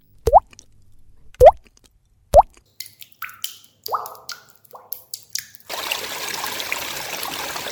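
Three clear, resonant water drops fall about a second apart, followed by quicker irregular drips and splashes that give way to a steady stream of trickling water, water running away drop by drop.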